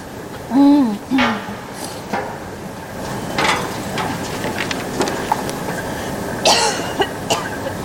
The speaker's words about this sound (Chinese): 你的咳嗽怎么越来越重了？没去医院看看？ 没事，就是感冒了。 我看不像感冒，赶紧去看看。